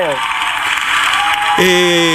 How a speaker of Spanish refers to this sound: ¡El aplauso!